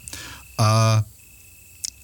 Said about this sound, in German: Und ich bin dafür, dass wir die Grillen wieder zirpen lassen ein bisschen, oder? Ja, da kommen sie.